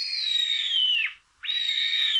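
A sparrowhawk, recorded by Dursun Bal in Konya, gives two drawn-out, high, thin whining calls, each about a second long and dipping at the end, separated by a brief pause. The calls are clear, with no voices.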